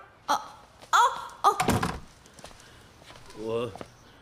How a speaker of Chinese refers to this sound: 孙儿，你这只关在那儿卖啥呆呀？关门！